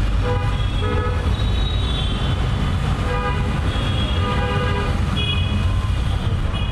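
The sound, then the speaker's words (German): Dense city traffic in one of the largest cities of Bangladesh, with a steady engine rumble and many overlapping car horns honking repeatedly, some long and some short, loud throughout. “Wir befinden uns in einer der größten Städte Bangladeschs, wo ich erstaunlich lange gebraucht habe, um durch eine der schlimmsten Verkehrssituationen der Welt zu unserem Treffpunkt zu gelangen.”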